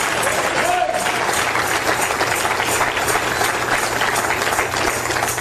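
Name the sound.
audience clapping in praise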